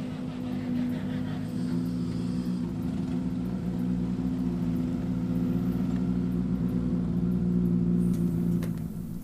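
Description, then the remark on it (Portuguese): A rally car's engine drones steadily close by as it approaches the control zone at Chão de Lagoa during a rally, a low rumbling hum that holds at an even loudness throughout without clear revving or passing. “Voltar a deixar que os carros se aproximem mais da zona de controle, senão fica um espaço muito grande entre carros e depois vai-se criando mais trânsito, digamos.”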